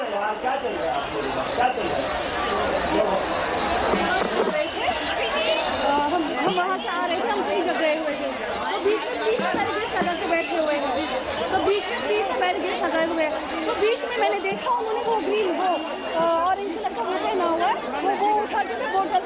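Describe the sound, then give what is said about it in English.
Dense crowd chatter at a protest site fills the scene, many voices overlapping into a steady, loud murmur with no single speaker standing out, holding constant for the whole stretch. “Scenes from the protest site.”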